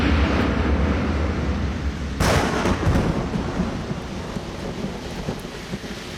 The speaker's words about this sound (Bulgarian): Братчета мои, идва буря.